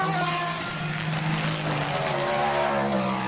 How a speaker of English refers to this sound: And here comes the hordes of prototypes as well. Down at the start finish line.